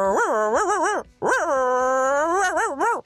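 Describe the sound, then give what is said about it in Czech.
A human voice mimics a small Jack Russell terrier's whiny yelps and yips in quick wavering bursts, a short pause, then a long drawn-out whine ending in more rapid yips, loud. “Já jsem ho přesně poznala, to je žeriček.”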